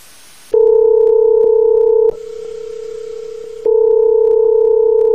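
A telephone ringback tone plays loudly as a phone call is placed: a steady two-pitch electronic tone, broken midway by a harsher buzzing burst before the steady tone resumes. No voices are heard.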